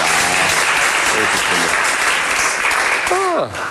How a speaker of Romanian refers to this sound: Dacă știam că așa se aplaudă.